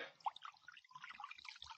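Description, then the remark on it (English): Acid pours from a jug into a pocket in a soft, steady gurgling stream with small bubbling splashes, fairly faint and with no voices. “Well, I done found a jug of acid here. Now I'm going to start pouring it now.”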